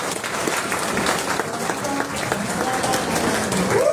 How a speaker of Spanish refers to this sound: saludar de manera cordial a nuestros dos candidatos a la Consejería Regional de Pasco, representando a la provincia de Oxapampa, que diría, y a don Víctor Balcho, para quien también solicito, por favor, fuertes votos de aplauso, queridos hermanos.